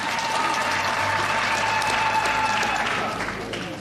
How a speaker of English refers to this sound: And because this morning we also went to the holy fire, I want us to give a round of applause to that sign of unity.